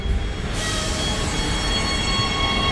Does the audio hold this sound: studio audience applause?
no